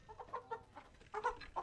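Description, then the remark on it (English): Several chickens kept in a garden cluck in short, choppy bursts, a busy overlapping chatter of hens with no voices, the calls rising and falling in quick irregular pulses. “an animal lover who looks after chickens in his garden and cares for goats which graze around the town.”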